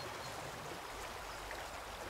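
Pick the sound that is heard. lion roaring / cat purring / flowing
flowing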